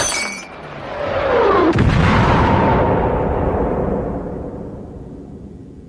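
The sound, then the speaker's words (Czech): A bomb explodes in the kitchen on the ground floor of a house: a loud, booming blast swells up and rolls on for several seconds, with a tinkle of glass or debris near the start and a long rumbling decay afterward. “Přišel jsem k sobě krátce po výbuchu bomby v přízemí, v kuchyni.”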